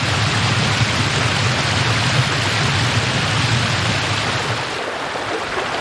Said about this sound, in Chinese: 为到达草木甜美的新家园，羚牛家族无可避免地要越过激流。